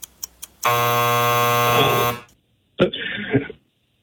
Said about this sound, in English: I think you got it in before the buzzer.